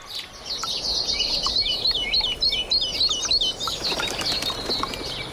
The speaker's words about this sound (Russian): Весной птицы поют громче.